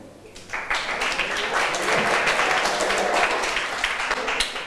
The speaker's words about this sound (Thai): ถัดมาขอเชิญกลุ่มที่4ได้เลยปรบมือให้เพื่อนหน่อยค่ะ